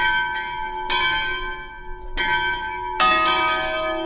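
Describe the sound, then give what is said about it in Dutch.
Church bells ring out in overlapping peals, with fresh strikes at roughly one-second intervals layered over a steady, shimmering hum of lingering tones. Loud and resonant, no voices. “Dit zijn niet de klokken van de kathedraal van Antwerpen.”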